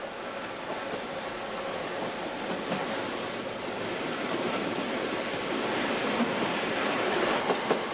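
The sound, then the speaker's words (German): A railway carriage, with a warm wind blowing through its windows, rolls steadily along the tracks, a continuous broad rushing rumble with faint rhythmic rattling and a few sharper clicks toward the end. No one speaks. “Es fegt ein warmer Wind durch die Wagenfenster.”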